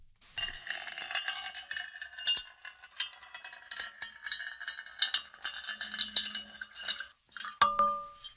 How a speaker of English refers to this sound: water being poured into a metal bowl.